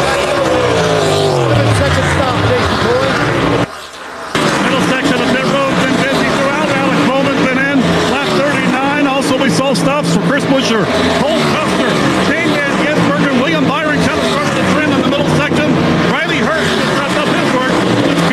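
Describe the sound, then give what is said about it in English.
A stock car pit stop in progress as the crew jacks up the right side of the car, puts in Sunoco fuel and changes all four tires, with loud, continuous race engines roaring and revving and brief rattling bursts of the tire change, while a voice talks over the din. “Now around to the right side of the car, Jack puts up the car, tires going on.”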